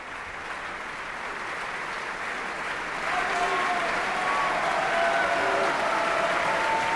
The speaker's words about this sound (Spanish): Mantenemos la emoción y la ovación junto al público de Bayreuth. Viel Applaus für die Sängerinnen und Sänger, den Dirigenten und das Festspielorchester.